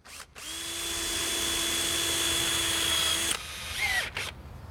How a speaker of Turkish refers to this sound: Matkap öldü. Arızalanmanın sırası değil.